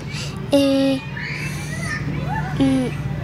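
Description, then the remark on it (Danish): Children playing outdoors at a kindergarten in fine weather: high-pitched shouts and sing-song calls rise over a steady babble of young voices, with two louder, drawn-out cries standing out. “de er altså i fuld gang med at lege herude i det skønne vejr.”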